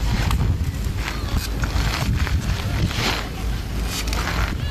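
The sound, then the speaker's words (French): Someone riding a unicycle back and forth: a steady, gritty rolling noise with a low rumble, broken by uneven scuffs and clicks that swell and fade in loose pulses. No voices. “Oui, promis, c'est le bruit de quelqu'un qui fait du monocycle.”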